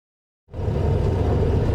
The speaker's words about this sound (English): We're aboard a Black Mamba, a Mexican-made armored car. Just a small part of the country's huge security effort to protect the world's teams and fans.